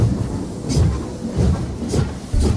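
A train sound effect for the Mole Train feature on HFM radio: heavy, rhythmic low rumbling bursts about twice a second with sharp clacking hits, like a locomotive chugging away from a station. It plays loud, with no voices.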